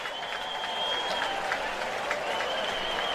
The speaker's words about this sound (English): Nice round of applause by the Cardinal fans here as Brule will be taken out now.